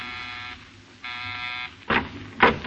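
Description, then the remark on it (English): An apartment door buzzer sounds twice, each a steady, harsh electric drone lasting about half a second, followed by two sharp, louder clunks. “You pause for a moment before you buzz.”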